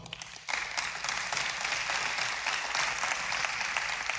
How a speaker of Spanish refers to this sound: Denle un aplauso.